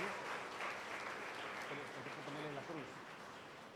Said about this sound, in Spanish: Podemos darles un aplauso.